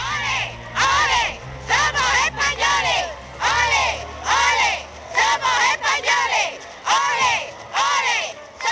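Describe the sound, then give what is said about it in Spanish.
A large crowd in the streets of Ceuta, greeting King Juan Carlos and Queen Sofía in 2007, chants 'Olé, olé, somos españoles' in unison, loud and repeated in steady bursts of shouted syllables, with a low rumble of noise underneath. “El pueblo ceutí salió en masa a la calle para recibir a los entonces reyes, una multitud que gritaba aquello de «Olé, olé, somos españoles».”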